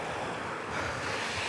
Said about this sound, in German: Die Straße vor uns ist platschnass. Der Wassersprenger wässert vor allem die Straße.